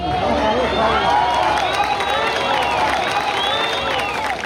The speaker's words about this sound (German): Doch ab und zu gelingt das kleine Wunder. Dann werden noch Menschen unter den Trümmern geborgen. Dann bricht zwischen den Schuttbergen Jubel aus.